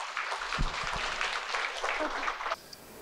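Sustained applause from an audience at a book concert, welcoming a Buddhist monk who is to give a welcome speech: a dense crackle of many hands clapping at steady loudness for about two and a half seconds before dropping off sharply into quiet.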